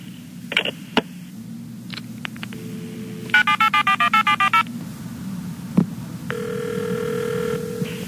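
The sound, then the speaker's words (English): A string of about eight quick, evenly spaced touch-tone beeps is keyed in over a low hum, then a steady electronic ringing tone sounds for a couple of seconds as a telephone call goes through to Western Bank. “Thank you for calling Western Bank.”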